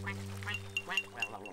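A duck bathing in a bowl quacks several times in quick, uneven succession, the nasal calls fairly loud over a steady low background hum.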